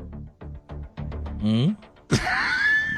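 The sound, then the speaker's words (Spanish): A voice imitates straining, pushing grunts: a quick series of short effortful bursts, then a rising strained groan, followed by a sudden loud burst and a sustained breathy, whining tone. “Un sonido de empuje, ¿ok?”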